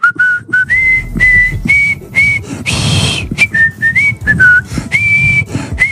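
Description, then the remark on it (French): A person whistles La Marseillaise, the French national anthem, with clear sustained notes broken by short pauses and a brief breathy burst midway; no one speaks. “je vais quand même siffler la Marseillaise pour conclure cette émission.”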